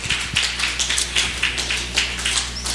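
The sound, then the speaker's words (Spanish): A church audience claps hands in praise during a worship service, in a steady, rapid rhythm, many sharp overlapping slaps blending into a continuous patter over a low background hum, with no voices. “Palmas para nuestro Señor Salvador.”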